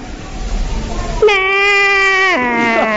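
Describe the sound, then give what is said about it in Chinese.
After a second of low background noise, a voice imitates the whinny of a trained horse with one long, nasal, high-pitched cry that drops in pitch and ends in a tremulous, bleat-like waver. “你看我那个马一叫唤都这个声音。”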